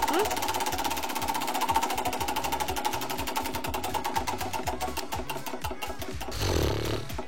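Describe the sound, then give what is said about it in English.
A prize wheel spins with a fast, steady rattle of clicks that gradually spaces out and slows as it winds down, with faint voices murmuring underneath. It lands on the last thing you Googled. “Let's spin the wheel.”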